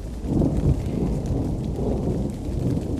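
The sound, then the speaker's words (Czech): Heavy rain pours down outside a house in a dense, unbroken wash, steady and fairly loud, with a deep rumbling undertone and no voices. “Rasprostrli na pod dnevne sobe jedno ćebe što su sačuvali u ormaru i gledali kroz rupe u prozorskim staklima kako napolju lije.”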